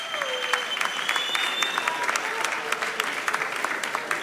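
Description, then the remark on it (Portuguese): Steady audience applause for the Minister of Culture, Margarida Balseiro Lopes, as she is called to the stage to reveal this year's winner, a dense wash of many hands clapping at moderate loudness, with a few faint whistles rising above it and no speech. “Uma salva de palmas para a Ministra da Cultura, Margarida Balseiro Lopes.”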